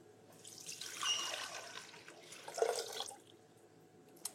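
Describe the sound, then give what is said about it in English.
Two cups of water pour in a steady, splashing stream for about two and a half seconds as the first ingredient of an apricot ginger sauce, surging briefly before tapering off, followed by a faint click; no talking. “So the first ingredient is 2 cups of water.”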